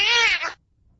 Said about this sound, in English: a cat meowing at a Ring doorbell camera.